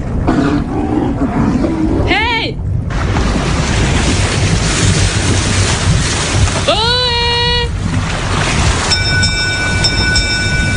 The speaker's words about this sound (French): Dans le lointain, Lauriane Miara, puisque c'est elle, entend un bateau arriver.